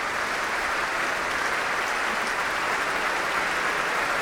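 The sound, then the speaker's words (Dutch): Loud, sustained applause and standing ovation from the audience at the Concertgebouw in Amsterdam on 15 May, for Sol Gabetta after Martinů's first cello concerto with the Concertgebouw Orchestra, a dense steady wash of clapping with no pauses and no voices over it. “En een heel groot applaus hier in Amsterdam in het Concertgebouw op 15 mei.”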